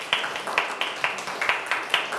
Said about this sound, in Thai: สรุปคะแนนตอนนี้กลุ่มไหนชนะกลุ่มที่4สุดยอดมากๆเลยขอเสียงปรบมือดังๆให้กลุ่มที่4ด้วยนะคะ